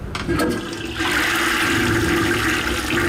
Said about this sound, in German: Was hier gerade im Abfluss verschwindet, ist für Professor Uwe Schröder keineswegs nur Abfall. Denn in diesem Wasser steckt Energie, sagt er.